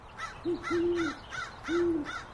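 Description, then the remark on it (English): A female owl hoots in a series of five higher-pitched notes, evenly spaced, with a lower, longer hoot sounding beneath them. The calls are moderately loud and no one speaks. “I think that is the female. I thought it was. Because she is a little higher pitched.”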